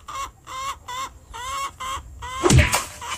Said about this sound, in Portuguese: Ah, galinha desgramada.